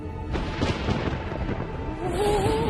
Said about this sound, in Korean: 구름과 땅 사이에서 발생하는 엄청난 전기, 번개. 번개의 힘이여, 이 천지군으로 모여라!